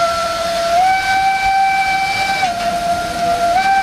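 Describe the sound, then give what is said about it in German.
A steam cog railway train of the Dampfbahn Furka-Bergstrecke in Switzerland, on the route between Canton Uri and Oberwald in Valais, sounds a long, loud whistle, one steady tone with slight pitch dips that holds throughout over a low, rumbling hiss of the engine, with no voices. “Eine Zugfahrt wie vor 100 Jahren mit einer Dampfbahn.”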